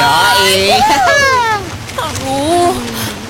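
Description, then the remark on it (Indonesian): Steady beach ambience on a hot day, a continuous rushing wash of surf and wind noise, with voices sounding over it throughout, their pitch rising and falling. “Asik, kita di pantai.”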